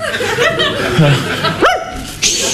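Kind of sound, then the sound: animal, dog barking and whimpering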